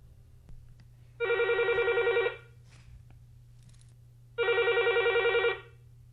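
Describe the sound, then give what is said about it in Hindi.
A telephone rings twice as a listener from Balaghat district, Madhya Pradesh, calls in to a radio song-request program, each ring a rapid warbling trill lasting about a second, separated by a pause, over a low steady hum. “और आप अपनी फरमाइश हम तक पहुंचाते हैं टेलीफोन के माध्यम से।”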